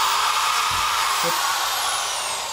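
An electric drill runs continuously, drilling into a carrot, a loud, steady motorized whir with a thin high whine on top and a couple of faint low knocks, with no one talking.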